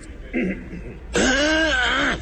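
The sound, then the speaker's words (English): A short, soft vocal rasp is followed by a loud, drawn-out throat clearing with a strained, voiced, gravelly quality lasting about a second. “Other coughs?”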